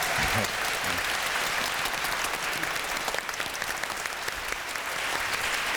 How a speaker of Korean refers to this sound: 여러분들 즐거우셨던 박수 한 번 더 보내주시길 바랍니다.